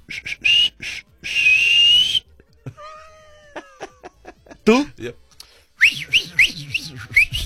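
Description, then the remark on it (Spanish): Someone whistles a dolphin-like call, imitating how a male dolphin would whistle to a female dolphin: a sustained high whistle, then a run of quick rising chirps. Laughter and brief talk break in between the whistles. “A ver, si tú fueras delfín, ¿cómo le chiflarías a la delfina?”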